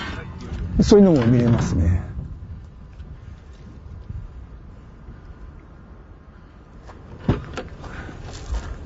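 Diving gear being loaded into a car: a burst of scraping, thumping movement near the start, then quiet outdoor ambience with wind, and a single sharp clunk near the end.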